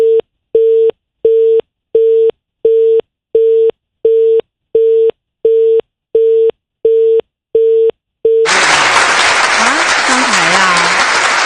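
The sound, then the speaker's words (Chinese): A steady busy-signal beep pulses about a dozen times, then gives way abruptly to loud, dense applause that fills the final few seconds, with faint voices buried underneath. “孩子又不好用了，你听这个掌声，哎呦天哪，这行了，哎呀妈呀”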